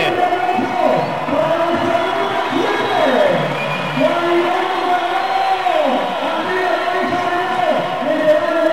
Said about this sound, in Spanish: Señoras y señores, Juan Guillermo Cuadrado recibe la camiseta, recibe la número 7, se la está poniendo en este momento. Escuchen, escuchen las palmas de la gente.